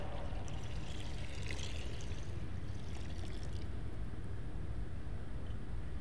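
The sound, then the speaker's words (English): Water pours and splashes steadily for a few seconds, its bright gurgling fading after the midpoint, leaving a continuous low rumble. No one speaks. “The water is wild.”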